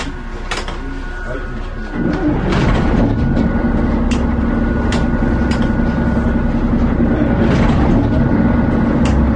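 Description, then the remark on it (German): The engines of the OKSA Sound Express start up after a couple of seconds of quieter mechanical clatter, swelling into a loud, steady low rumble with a droning hum and scattered clanks and clicks on top. “Und natürlich auch mit unserem OKSA Sound Express, dessen Motoren ich jetzt mal starten werde.”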